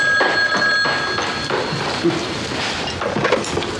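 A telephone rings with a steady electronic trill, fairly loud, repeating across the few seconds over a faint background with no one speaking.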